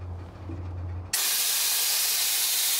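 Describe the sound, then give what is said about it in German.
A low rumbling hum gives way abruptly to a loud, sustained hiss of compressed air escaping as a crew lets air out of a freight train's brakes so the train cannot roll away, steady until the end, with no voices. “ARC-Team lässt Luft aus den Bremsen. So kann der Güterzug nicht wegrollen.”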